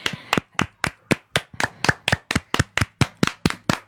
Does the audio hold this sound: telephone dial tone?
no